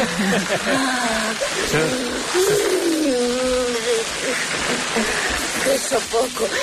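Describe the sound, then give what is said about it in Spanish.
A garden hose sprays water on Carmen Maura in a scene from the film La Ley del Deseo, in a continuous loud hiss with a crackling, sizzling texture like a fryer, while voices call out over it. “Soy el único que escucha una freidora en lugar de una manguera.”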